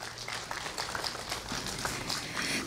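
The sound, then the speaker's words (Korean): At a groundbreaking ceremony for a Seonhakwon elderly welfare facility, a crowd claps steadily for about three seconds for the monk of Deogunsa temple who provided the space, a dense crackle of many hands with no voices, holding an even, moderate loudness throughout. “소중한 공간을 내어주신 스님께 다시 한번 큰 박수 보내주시기 바랍니다.”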